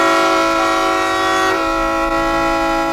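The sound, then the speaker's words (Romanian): A car horn, pressed by the driver who thought he was switching on the radio, blares in one long, unbroken blast for the full three seconds, loud, with a steady rich tone and no voices. “Interesant, cine o fi claxonând așa?”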